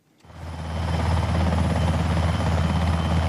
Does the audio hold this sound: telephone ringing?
no